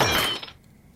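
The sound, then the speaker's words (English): A plate shatters in one sharp, bright crash, the high clinking rattle of pieces dying away within about half a second, leaving near silence. No one speaks. “Here, I'm getting a new plate.”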